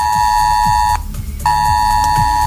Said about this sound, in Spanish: Así que felices de poder contar buenas noticias en un día en el que las alertas han vuelto a sonar en los teléfonos de la región de Murcia.